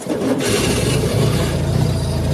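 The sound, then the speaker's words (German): A Citroën 2CV engine cranks and catches, then settles into a steady, throbbing low rumble that stays loud and even for a couple of seconds, with no voices. “Schwierig für echte Entenfans, denn die erkennen ihre Original-Duschevaux am Sound.”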